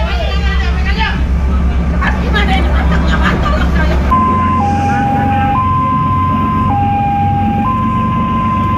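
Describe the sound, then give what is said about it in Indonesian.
Busy crowd and engine noise give way to an ambulance's two-tone siren, alternating high and low in a slow steady rhythm, loud over a low rumbling background, at Lembar Harbor (Pelabuhan Lembar), where at least five ambulances stand by. “Sementara di Pelabuhan Lembar, sedikitnya 5 unit ambulans telah disiagakan untuk mengantisipasi jatuhnya korban.”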